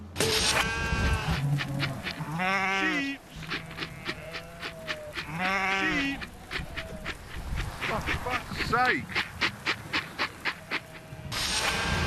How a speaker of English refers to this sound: Here we are, middle of the night. Sorting the sheep out. Again.